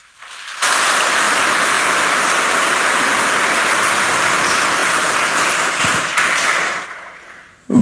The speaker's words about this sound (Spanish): Está lloviendo y vinieron a misa. Un aplauso que vinieron.